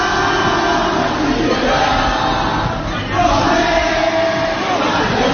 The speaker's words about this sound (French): L'ambiance paraît presque bon enfant. Des lycéens rassemblés, des slogans et bientôt la Marseillaise entonnée par la foule.